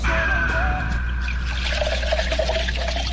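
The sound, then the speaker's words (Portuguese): Coffee pours steadily into a cup in a studio for a few seconds, a continuous splashing trickle whose pitch shifts as the cup fills, with no voices over it. “Coloca um cafezinho. É, isso, vai enchendo de açúcar aí, vai, bobo.”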